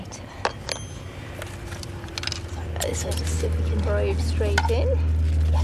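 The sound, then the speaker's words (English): Gritty crunching and scattered clicks as a probe fitted with a contact microphone, which picks up vibrations in the soil, is pushed into a hole made with a skewer, followed by a steady low rumble that swells and holds, with faint voices murmuring in the background. “So just see if we can probe straight in.”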